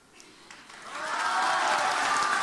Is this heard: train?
no